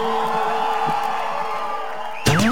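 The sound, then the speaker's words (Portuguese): A loud, dense crowd roar of overlapping voices shouting together, ending in a sudden burst of rising and falling whoops and yells. “Cadê o gritão dos apaixonados?”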